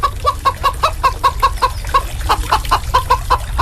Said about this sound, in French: on entend aujourd'hui le bruit des poules et les clapotis des bassins en aquaponie. Bienvenue à Lille Utopia, une ferme urbaine en plein cœur de ville.